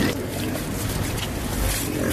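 About 30 pigs in Cairo grunting together as a bucket of food scraps is thrown over their fence: a dense, continuous chorus of low snorts and squeals, fairly loud, with no pauses.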